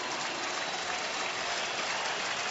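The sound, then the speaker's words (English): A baseball stadium crowd of more than 40,000 at a Yankees game rises to its feet, clapping and cheering in support of David Bednar in the top of the eighth inning, a steady, dense roar that holds even and loud for the full couple of seconds, with no voices standing out. “The crowd tonight of better than 40,000 rises to their feet in support of David Bednar, trying to urge him to a third out in the top of the eighth inning.”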